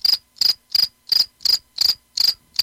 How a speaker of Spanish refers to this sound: De hecho, por aquí tengo un efecto de un grillo. Cri-cri.